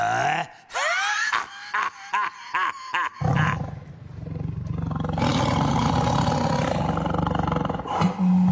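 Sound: saber-toothed tiger roaring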